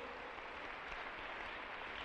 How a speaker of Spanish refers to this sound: Démosle un aplauso al Señor, aleluya. Bien fuerte.